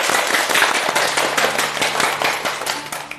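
A crowd applauds to welcome a teacher who will give a demonstration reading of a poem by Lu You, with dense, steady clapping for about three seconds, a continuous crackle of many hands at even loudness, plus a faint low hum underneath and no voices.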